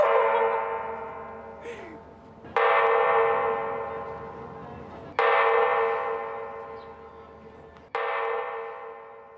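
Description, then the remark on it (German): Public chime bells in Leipzig ring out in a slow sequence, each loud, bright struck tone sustaining and decaying before the next strikes, with about three fresh strikes over a dense, shimmering wash of harmonics. “Aber keine Sorge, man muss nicht am Montag um 18.35 Uhr hier stehen, um ja, dieses Klangspiel zu erleben.”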